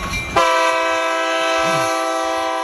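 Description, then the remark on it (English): A loud, sustained train horn blares in one long steady chord, starting abruptly after a brief rumble and holding for over two seconds, dominant with no talking. It is the alert for the Junction phone line, signalling that a call has come in. “Just listen for the train. If you hear the train, it means we got a call.”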